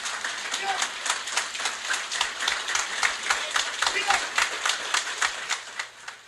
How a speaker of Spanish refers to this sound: Por lo que quiero mandarle de pie un aplauso de gratitud por esta obra.